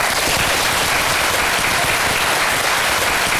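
Sustained, dense applause from a large crowd of students and teachers welcoming the poet Luo Fu and his wife, steady and loud throughout with a bright, hissing texture of many hands clapping at once and no voices standing out.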